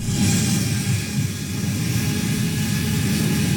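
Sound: delivery drone flying overhead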